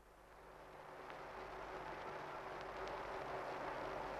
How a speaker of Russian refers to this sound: И вот закружилась старая пленка, и из далекого прошлого доносится до нас рокочущий гул самолетов. Это было в августе 1941 года